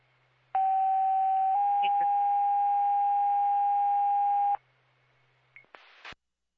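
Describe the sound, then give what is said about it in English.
Fire dispatch alert tones over radio for Queensbury Emergency: one loud steady tone that shifts to a second, slightly different pitch held for several seconds, then a couple of brief static bursts. “Hey, fire control, Queensbury Emergency, you can disregard your tones.”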